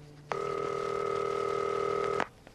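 A single steady electronic phone ring, a sustained buzzing tone lasting about two seconds, fairly loud, then cutting off abruptly into quiet.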